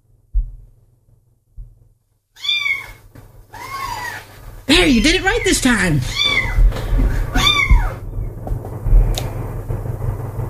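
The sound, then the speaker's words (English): A virtual baby kitten in the Alexa skill Cat Razor mews several times in quick, high-pitched, rising-and-falling cries, clear, while a person talks over and between them above a steady low hum. “Your cat is still a baby kitten.”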